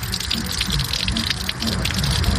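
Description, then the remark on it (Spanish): A steady gush of water pours continuously into a container, splashing and burbling for a couple of seconds with no voices. “A ver, hay una que cuando hay mucha agua en las llaves, recojo agua en esas y esa me sirve para trapear, me sirve para lavar los platos, vaciar el baño, en dado tal.”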